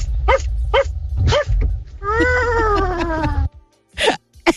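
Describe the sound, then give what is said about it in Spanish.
A caller to Radio Disney imitates a dog, giving a few sharp barks, then a long wavering whine or howl, followed by two more quick barks, loud over a low background hum. “el sonido que hago es el del perro. Hay varios ladridos.”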